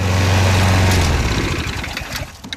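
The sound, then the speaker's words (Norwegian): A small motorized push lawnmower engine runs steadily with a low, buzzing drone as an 86-year-old man pushes it back and forth on a large lawn in Ørje, Marker municipality, Norway. The tone wavers and loosens partway through as the engine's pitch and loudness shift, with no voices. “sin motoriserte gressklipper fram og tilbake”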